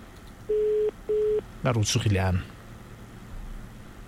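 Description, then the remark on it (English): Two short, steady ringback pulses from an outgoing phone call, a quick double burr, then a voice answers over the line and the ringing stops. “Let's see if she's going to pick up.”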